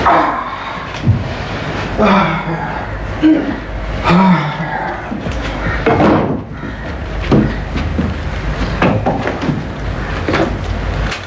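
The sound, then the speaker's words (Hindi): A door is opened after someone knocks, with a few sharp wooden knocks and rattles, mixed in with scattered voices and a dog barking in the background. “मैं दरवाजा खोलती हूँ।”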